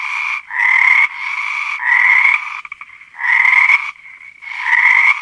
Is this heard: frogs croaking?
yes